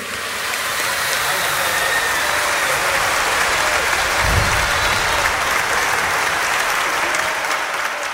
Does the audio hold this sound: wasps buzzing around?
no